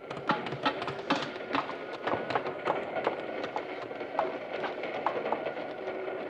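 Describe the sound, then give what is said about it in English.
A cattle train rumbles along the rails with steady rhythmic clacking and rattling wheels, continuous, with no voices over it. “The next time I get on a train, I'm going to be doggone sure it's at the depot and standing still.”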